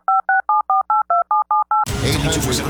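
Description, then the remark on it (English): A quick, even run of about ten touch-tone beeps as a phone number is dialed, each short two-note tone crisp and loud, then a dense wash of noisy sound cuts in abruptly. “So make this free call today to the Diabetes Solutions Center”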